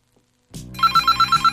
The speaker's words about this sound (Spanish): Ah, caray, mi teléfono suena muy fuerte.